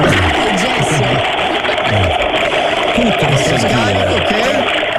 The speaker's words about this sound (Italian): mi faccia sentire l'acqua che scorre nel bagno